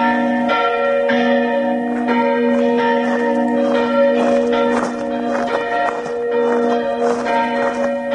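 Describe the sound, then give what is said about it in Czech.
Several large church bells, Urban and Ján, ring together in a steady, overlapping peal at their first festive ringing in Bardejov; deep resonant tones and shimmering overtones sustained and loud throughout, with no voices present. “som sa zoznámila pri prvom slávnostnom zvonení Urbana a Jána v Bardejove.”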